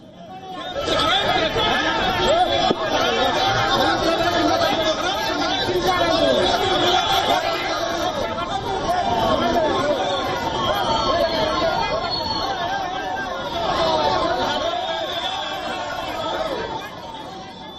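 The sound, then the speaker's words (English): Dense crowd chatter from a BJP protest blocking Ratu Road during the statewide Jharkhand Bandh, as a large number of police personnel intervene to stop the crowd; many overlapping voices form a steady, loud hubbub with no single voice standing out. “A large number of police personnel intervened to stop the crowd.”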